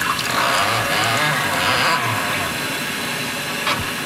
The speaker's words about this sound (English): So we're going to pour just a little bit of warm water into the infusion chamber and let it steep for about 45 seconds. You can just pour the water right here.